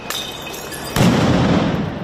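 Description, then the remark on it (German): Firecrackers bang at a street protest: a few sharp cracks early on, then a louder burst that leaves a dense, rumbling wash of noise behind it. No voices stand out. “Es fliegen Rauchbomben, es knallen Böller.”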